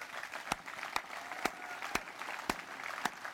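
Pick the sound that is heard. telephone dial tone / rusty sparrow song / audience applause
audience applause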